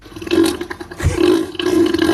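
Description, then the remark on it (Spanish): Deep, guttural grunts from Neil, a marine animal: a few drawn-out rumbling groans broken by a brief low thud partway through, fairly loud throughout with no talking. “Esta es una grabación real de los gruñidos de Neil.”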